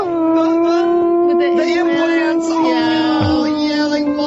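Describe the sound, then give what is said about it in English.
A person imitates a wolf puppy learning how to howl: one loud, sustained, wavering vocal howl held steadily for about four seconds, with no other sounds. “Or a dyslexic wolf puppy learning how to howl.”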